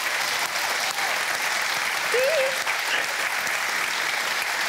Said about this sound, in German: Wir schicken jedenfalls den Applaus in den Harz.